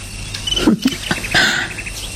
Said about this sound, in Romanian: Auzi? Privighetoarea. E ora la care începe să cânte.